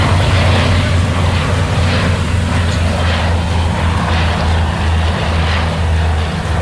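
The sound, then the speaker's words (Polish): A steady, loud drone of the engines of two firefighting aircraft heading out to drop water during a firefighting exercise, with a deep humming low tone and a rough, rushing noise layered over it, holding at an even level throughout. “jak on odpala silnik i już udaje się do akcji gaśniczej. Idą, bo chyba już nawet słychać.”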